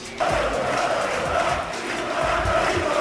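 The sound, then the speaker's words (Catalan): Hundreds of fans celebrating with their club fill the town hall square in Badalona, with Ricky Rubio present, cheering and shouting in a dense, continuous roar of many voices, steady and loud throughout with occasional swells of excited yelling. “Amb centenars de persones omplint la plaça de l'Ajuntament i amb un Ricky Rubio sent un cop més inspiració pels joves.”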